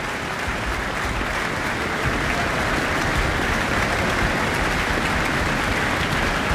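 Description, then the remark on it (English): Sustained, dense applause from a large concert audience after an encore, a steady wash of many hands clapping at once with no pauses, loud and even throughout. “back on stage after that encore for yet more applause.”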